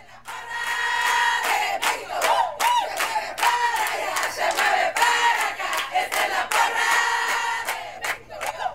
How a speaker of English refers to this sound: These parents aren't cheering for just any Little League baseball team. They're cheering for Mexico.